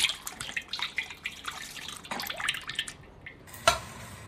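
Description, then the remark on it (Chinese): Oil hits a hot wok with a steady, crackling sizzle, a bright spitting hiss full of tiny pops, easing off briefly before one sharper burst near the end. No one speaks. “好， 热锅倒油。”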